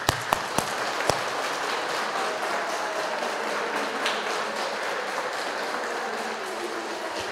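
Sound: audience applauding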